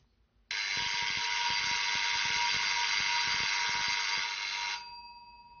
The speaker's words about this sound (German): Also es hat irgendwie nur geklingelt, Horst, aber das hat besondere Bewandtnis. Das ist ein Rufzeichen. Ein Zug fährt von Jever nach Karolinsiel. Einmal 10 Kurbelumdrehungen.